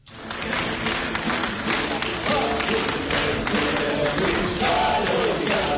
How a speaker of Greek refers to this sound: Με ένα θερμό χειροκρότημα και το τραγούδι του Καραϊσκάκης, συγγενείς, φίλοι και πληθός κόσμο αποχαιρέτησαν σήμερα τον σπουδαίο ηθοποιό